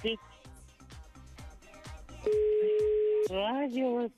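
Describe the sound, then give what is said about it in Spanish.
A steady, loud phone line tone after a call is hung up, holding one flat pitch for about a second, with talking just before and after it. “Oye, colgó”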